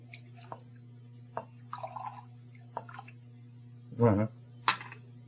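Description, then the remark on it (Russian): Small splashes and drips of liquid going into a glass, with a few light clinks and one short gurgling burst, over a steady low electrical hum. “Наливай, наливай, Слава.”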